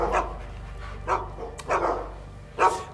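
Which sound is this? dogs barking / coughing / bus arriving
dogs barking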